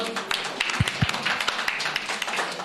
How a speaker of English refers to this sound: Thank you. Thank you. Maybe we can give a round of applause.